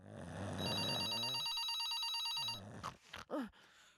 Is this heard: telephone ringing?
yes